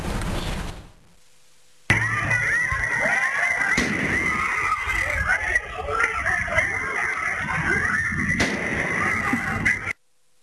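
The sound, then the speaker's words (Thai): Two sharp gunshots from a homemade shotgun crack out several seconds apart over a constant uproar of people shouting and yelling in a commotion at a Chim Shop Chai fair in Nakhon Ratchasima, Thailand, recorded by a CCTV camera across the street, with a loud, steady background hiss throughout. “ก็เป็นภาพเหตุการณ์ที่เกิดขึ้นขณะที่กล้องวงจรปิดบริเวณฝั่งตรงข้ามจุดเกิดเหตุสามารถบันทึกเสียงขณะเกิดเหตุการณ์ได้โดยได้ยินเสียงปืนดังขึ้น2นัดและมีเสียงคนตะโกนเอะอะโวยวายในที่เกิดเหตุ”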